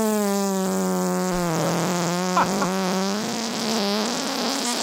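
A long, drawn-out fart with a steady buzzing low pitch that wavers slightly, lasting about five seconds at a fairly constant loudness, with no talking.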